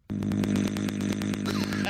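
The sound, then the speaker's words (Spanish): A voice imitates a chainsaw engine, a steady buzzing, sputtering drone with rapid rhythmic pulses, loud, running continuously for about two seconds after a sudden start. “Oye, güey, si le hace igualito que motosierra. Vos de motosierra, güey.”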